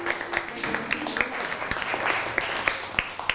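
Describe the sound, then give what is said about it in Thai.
A classroom of students claps for classmates who correctly identified a picture of a Buddha image. It is a steady burst of quick, overlapping hand claps that keeps going for several seconds at moderate loudness, with no one speaking over it. “ภาพพระพุทธรูปมาถูกต้องแล้วครับปรบมือให้เพื่อนหน่อย”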